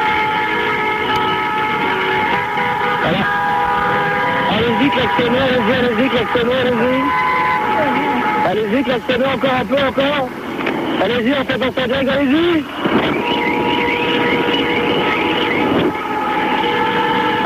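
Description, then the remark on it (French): Loud, continuous city traffic noise at night in Paris with a steady engine rumble and tonal hum, punctuated by clatters, while people talk over the din for much of the stretch. “Alors, ça fait du bruit quand même, hein, Paris la nuit, hein.”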